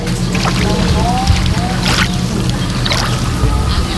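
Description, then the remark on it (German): A large fountain at the Quai du Mont Blanc, which runs every day except in strong wind or near-freezing cold, sprays water in a steady, loud rushing hiss with a deep low rumble underneath, broken by a few brief brighter splashy bursts and faint high chirps. “Und die Fontäne sprüht das ganze Jahr?”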